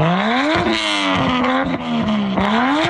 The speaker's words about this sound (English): Councillor Lily Chang wants the city to explore the idea of a pilot project to ticket drivers with noisy modified exhaust systems.